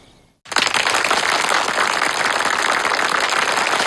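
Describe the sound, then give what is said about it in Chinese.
A crowd breaks into loud, sustained applause after a brief quiet moment, the dense clapping holding steady without letting up and with no voices over it. “同志们，把鼓掌的劲儿留着，用在战场上，争取再多打几个胜仗啊！”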